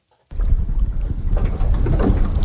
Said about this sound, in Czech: Naše vyhlídková loď se pohupuje v ústí Jakobsenova fjordu a všude kolem plavou kusy ledu. Některé obrovské, tyčí se i 15-20 metrů nad hladinou, ale pak taky menší ledové kry, které se postupně drolí a vytvářejí ledovou tříšť